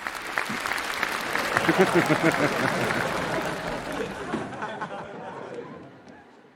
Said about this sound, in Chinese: 这还鼓掌，这有什么可鼓掌的？